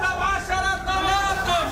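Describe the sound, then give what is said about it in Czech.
Vegetable stall vendors at a market call out loudly to passersby, their sustained voices carrying over a steady background of crowd chatter in a busy outdoor setting. “Stánkaři se zeleninou halekají na kolem jdoucí, jakoby nebylo vidět, že prodávají meruňky nebo cibuli.”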